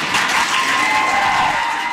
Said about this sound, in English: You can hear from the cheering there that people at the meeting were very excited to hear that.